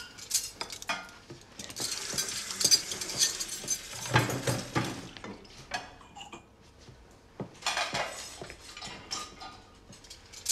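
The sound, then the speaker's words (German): Metal cutlery clatters and jingles in a dishwasher cutlery basket, in dense rattling bursts: a long busy stretch at the start, a brief lull, then another round of clinking near the end. No one speaks. “Das Besteck auch? Ja, gib mir bitte den Besteckkorb.”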